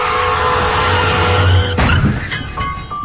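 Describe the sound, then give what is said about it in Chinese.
A car brakes hard, its tires screeching in a loud, sustained skid, cut off by a sudden sharp bang and a second smaller hit. No one speaks. “一旦遇到紧急情况，刹车至少需要20米。”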